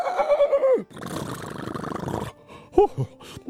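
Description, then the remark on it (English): A horse whinnies after galloping and stopping suddenly with its front hooves dug into the dirt, a wavering neigh that drops in pitch, followed by a long rough snort and a short final squeal. “The horse dug his front hooves into the dirt and stopped immediately, all his muscles shuddering from the jolt.”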